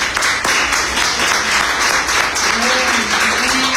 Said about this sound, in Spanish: ¿Cuántos? Un aplauso al Señor.